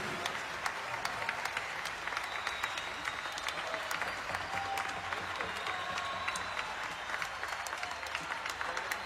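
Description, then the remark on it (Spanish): Sustained applause from a large audience for the Mendoza Symphony Orchestra, dense clapping filling the whole stretch at a steady, even level with no talking over it. “Y el gran aplauso se lo lleva la Orquesta Sinfónica de Mendoza.”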